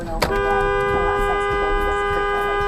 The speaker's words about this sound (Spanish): El autogris frenó abruptamente y el conductor que trae la cámara en el tablero tocó el claxon para pedirle que avanzara.